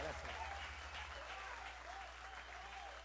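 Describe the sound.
A crowd claps steadily, a dense wash of applause with scattered voices calling out underneath, holding at an even level throughout.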